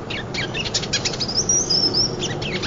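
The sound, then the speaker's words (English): A bird calls from a distance with a run of thin, high chirps and short whistled notes, not its full spring song, fairly faint over a steady outdoor background hiss, with no one talking. “These birds won't be moving through much longer.”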